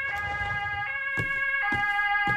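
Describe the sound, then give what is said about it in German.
Ambulance and police sirens wail steadily at Sophie's Café, their bright tones stacked and sustained, with a few low thumps and knocks breaking through the background. “Sieht ja übel aus. Krankenwagen und Polizei.”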